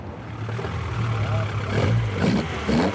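A 1973 Opel Ascona A rally car, a replica of the car Walter Röhrl and Jochen Berger drove in the European and World Rally Championships, rumbles with a steady, low droning engine tone over broad mechanical noise at the Oldtimer filling station in Rothenburgsort, then revs up briefly with rising pitch in the last second or so.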